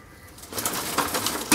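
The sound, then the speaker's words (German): Birds that are being caught call and stir, a soft, fluttery mix of pigeon-like sounds that swells after a quiet start and ends with a brief louder burst. No one speaks. “Nichts schief gegangen, alle Vögel relativ flugs eingefangen.”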